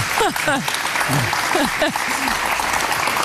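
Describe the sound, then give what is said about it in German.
Steady, dense hand clapping fills the whole moment, a crowd applauding continuously for a person's achievement while voices talk and call out over the top. “Ich darf jetzt schon klatschen für die Leistung.”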